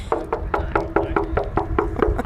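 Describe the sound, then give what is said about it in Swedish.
A steady series of about eleven sharp knocks on the aluminium body of a sturdy aircraft as a person bangs on it, evenly spaced, each with a short hollow metallic ring, with no one talking. “hur jag bankar lite. Knacka igen.”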